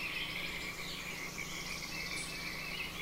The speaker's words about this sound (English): All right, we're going to get out of here early, and we're going to let the birds and the frogs... All right, test. How's the level of the birds and the frogs' musical bed?